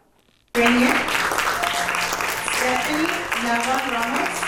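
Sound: warm applause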